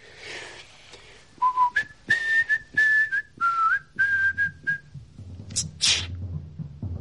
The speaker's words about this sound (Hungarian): Mit fütyülsz, te tökkel ütött? Azt akarod, hogy meghallja a félvilág?